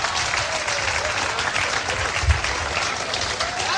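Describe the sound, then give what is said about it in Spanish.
An audience at a church service applauding for the Lord, a dense, steady wash of many hands clapping throughout, loud and sustained with a brief low thump midway and no clear speech on top. “Denle el aplauso al Señor, bien grande.”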